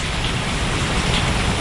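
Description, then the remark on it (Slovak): Steady, refreshing rain pours down in a dense, continuous hiss, played on Rádio Melódia, a broad wash of noise with a soft patter of drops underneath, holding an even level throughout with no voices. “Takýto osviežujúci dáž, jasne, daj jedno aj druhé, oboje fajn.”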